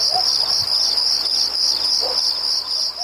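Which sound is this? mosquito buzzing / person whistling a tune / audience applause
mosquito buzzing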